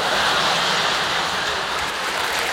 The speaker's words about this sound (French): Je vais pour sortir, je tire la chasse d'eau et là... La cacatastrophe. La crotte rebelle.